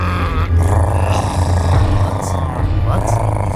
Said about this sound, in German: Inzwischen wird der Hunger zu einem Problem, das sich nicht mehr ignorieren lässt. Immerhin knurren die Mägen so, dass man Mühe hat, sein eigenes Wort zu verstehen.